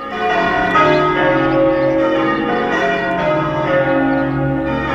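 Church bells ringing for a wedding peal continuously in a dense, overlapping cascade of ringing tones, loud, with no voices over them.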